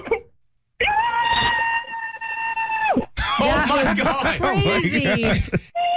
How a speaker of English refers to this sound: Can you scream into your pillow?